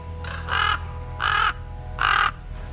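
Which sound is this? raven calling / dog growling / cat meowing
raven calling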